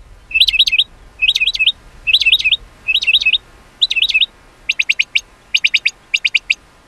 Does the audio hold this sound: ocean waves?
no